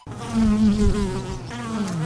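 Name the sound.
bees buzzing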